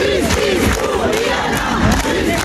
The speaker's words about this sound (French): 2000 personnes également à Toulouse devant le palais de justice avec des cris, des larmes et de la colère.